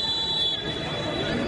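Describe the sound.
A referee's whistle sounds one long, steady, shrill blast lasting the whole moment, signalling a foul at a Women's Africa Cup of Nations football match involving Kenya, ringing over a constant murmur of crowd noise and indistinct voices.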